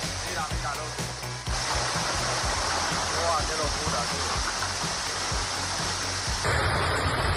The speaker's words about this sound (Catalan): I avui sembla que tindrem una mica més de calma després que ahir vam tornar a tenir una pluja molt, molt intensa, especialment a les comarques de Tarragona.